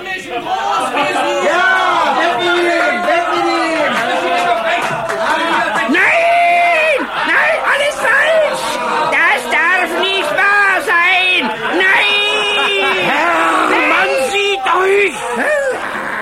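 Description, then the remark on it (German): A large crowd of townspeople cheers and shouts jubilantly as a man in a cage is carted through a splendid city, many voices overlapping in loud, sustained whoops and calls that stay intense throughout without a break. “Unter dem unbeschreiblichen Jubel der Bevölkerung wurde er von seinem treuen Mietsklaven Tunichgut durch die prunkvolle Stadt gekarrt”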